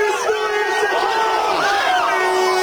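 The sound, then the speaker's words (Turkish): A crowd of over 5,000 people in Konak Square, wearing star-and-crescent jerseys, roars in a sustained, swelling wave of shouts and whoops, loud and dense, rising and falling with excitement over a steady crowd din as a shot on goal hits the post. “Bütün seyirciler ayakta şu anda.”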